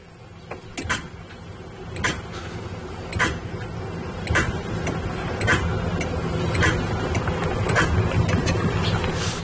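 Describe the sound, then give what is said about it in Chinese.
A car that won't start after sitting unused for over ten days, even with a jump start connected: a sharp click repeats about once a second, eight or nine times, over a steady low mechanical hum, with no engine catching; the starter motor is not working. Nobody speaks. “马达坏，我现在听到是马达不工作了，你再仔细听一下啊，来再给你听一下啊，来。”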